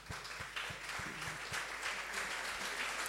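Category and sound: crowd, students applauding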